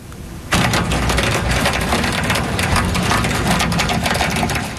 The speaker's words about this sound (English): This is what they were facing, hail about the size of peas dropping on parts of Montreal just before 8:30 tonight.